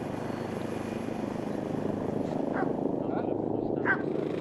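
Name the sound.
helicopter flying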